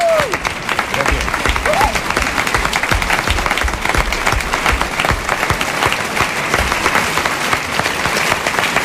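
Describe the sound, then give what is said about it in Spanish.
An audience applauds the actors after a performance, many hands clapping in a dense, continuous roar that holds at the same strong level for nearly nine seconds, with no one speaking over it. “Un aplauso para los actores que han hecho posible esta representación”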